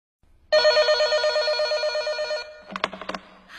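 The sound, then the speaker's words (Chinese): A telephone rings loudly and steadily for about two seconds with a bright, warbling electronic tone, a call from Li Xiaoqiang at almost 10 o'clock at night, then stops, followed by a few short clattering knocks like the handset being picked up. “有一天晚上快10点钟了，我接到李小强打来的一个电话。”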